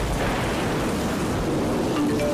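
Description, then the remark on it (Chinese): Heavy rain pours down in a steady, dense hiss that stays loud and even throughout, with a low rumbling undertone and no voices. “暴雨仍在持续，如果你在低洼处，快到高处躲避，等待救援。”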